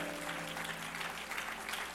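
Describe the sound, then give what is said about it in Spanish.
An audience at a Christian church service of Iglesia Cristiana Jehová es mi pastor applauds steadily in praise of Jehovah, many hands clapping in a dense, continuous wash that holds at a moderate level throughout, with a low sustained tone humming underneath. “Un aplauso fuerte a Jehová.”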